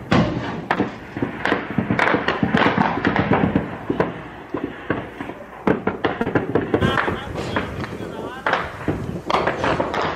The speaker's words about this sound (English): Here comes the gunfire. You're watching a fighter climb up the mountain. He's literally going to go over the top here to take this south base.